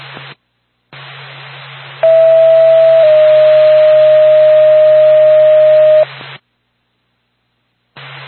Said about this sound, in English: Norfolk, Lane Gas Ambulance, stand by for a tone.